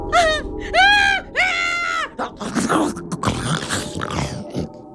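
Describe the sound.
A person imitates a lion's roar with two loud, strained, high-pitched cries that sound more like bleating, followed by a few seconds of rough, noisy vocal scraping and breathy rumbling.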